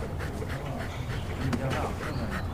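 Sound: dog whimpering and panting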